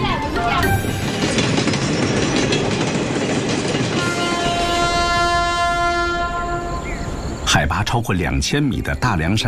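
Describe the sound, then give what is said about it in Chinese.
A slow passenger train, public-welfare train No. 5633 covering 76 kilometres with 25 stops, rumbles steadily along, its long, sustained horn sounding loudly through the middle, followed by a burst of rattling wheel and carriage clatter near the end. “5633次公益性慢火车，跨越七十六公里，平均23分钟停靠一站，一共25站。”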